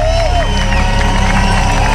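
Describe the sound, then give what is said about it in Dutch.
A large festival crowd at Rock Werchter applauds and cheers loudly after a concert, a dense, continuous wash of clapping and shouting that fills the whole moment with no gaps, with scattered voices blending into the roar. “Je hoort vooral nog veel applaus.”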